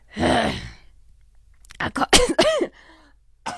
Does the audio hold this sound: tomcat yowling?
no